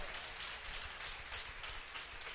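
An audience in a Christian church service applauds the Lord in a steady, dense wash of clapping that holds evenly throughout, moderately soft, with no voices standing out.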